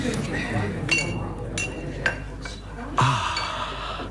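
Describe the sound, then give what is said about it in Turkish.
Glasses and plates, a gift, clink against each other in several sharp taps as they're unpacked from a package, with rustling in between and people talking softly in the background. “Çok güzel bardaklar bunlar. Tabaklar da öyle.”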